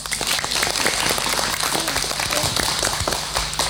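Steady applause from a crowd, many hands clapping in a dense, even patter at a constant loudness, with some faint voices mixed in underneath.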